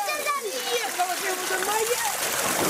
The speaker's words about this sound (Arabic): هذا هو المشهد في قرية تل السبع. سكان يملؤون عبوات المياه من نقطة مياه في الشارع بعد انقطاع مياه الشرب عن البلدة.